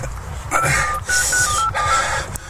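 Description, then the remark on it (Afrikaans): A phone rings out in repeated electronic tones during an outgoing call, over a noisy, low rumbling background, with a brief gap between bursts as the caller waits for an answer. “Nee man, nee man, laat ek opbel.”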